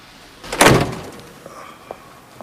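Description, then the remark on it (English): A car passenger door opens and shuts as a woman gets out: one loud, heavy thud with a rushing edge, followed by a couple of faint clicks, with no voices. “She opens the passenger door and gets out.”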